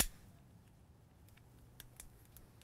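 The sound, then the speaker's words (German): A third lighter is flicked over and over while someone tries to light a stove at the Rettenbeckalm in the Upper Bavarian mountains on a cold, pouring-rain day, giving several sharp, quiet clicks at uneven intervals over a low background hum, with no voices. “Sie ist bei Feuerzeug Nummer 3.”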